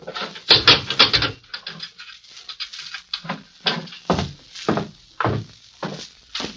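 A heavy metal jail cell door clangs shut as a sheriff locks a visitor in with a prisoner, followed by a rattle of the lock and a steady run of dull thunks, like footsteps moving off, all fairly loud with no talking.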